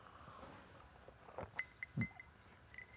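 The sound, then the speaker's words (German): Glasses clink together in a toast, a few light, ringing taps in quick succession, fairly quiet, with faint rustling and handling noise around them and no talking. “Komm. Prost.”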